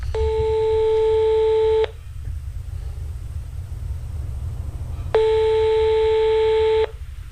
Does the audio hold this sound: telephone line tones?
yes